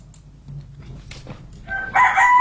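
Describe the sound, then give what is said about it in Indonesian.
A rooster crows loudly, a strained, rising cock-a-doodle-doo that swells over the last second after a stretch of quiet, faint background noise. “Iya, langsung disambut dengan suara ayam.”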